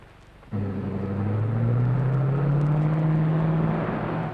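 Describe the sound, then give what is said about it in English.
A roadster's engine, with Mr. Kruger driving, roars to life after a brief quiet, its low drone climbing steadily in pitch as the car accelerates away. It stays loud and steady, with no voices. “Well, it's Mr. Kruger driving the roadster.”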